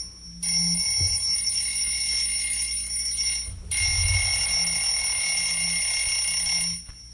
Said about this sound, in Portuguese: Ó, e o alarme tocou. Quando toca o alarme, pode falar.